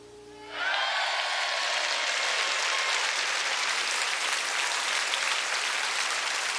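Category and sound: crowd, audience standing ovation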